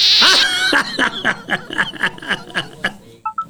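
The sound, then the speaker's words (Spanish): A donkey brays in a rapid, rhythmic series of harsh, wheezing honks, loud, with no one talking over it. “Ya me pusiste el burro. Ay, híjole. ¿Otro burro?”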